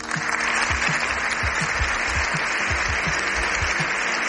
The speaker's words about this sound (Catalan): Set minuts ininterromputs d'aplaudiments. El Congrés dels Diputats a Madrid, després de sentir el discurs del Papa Lleó XIV, ha estat la primera vegada a la història que un papa, un cap d'estat del Vaticà, ha parlat des de la tribuna